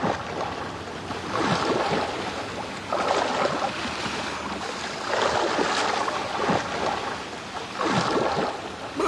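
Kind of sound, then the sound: sound effect, sea waves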